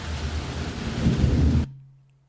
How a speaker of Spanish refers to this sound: Se vino el agua, primo Sergio, mira nada más.